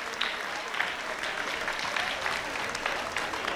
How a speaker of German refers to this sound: Einen kräftigen Applaus, meine Damen und Herren, für das gesamte Team hier im Inbräu-Festzelt.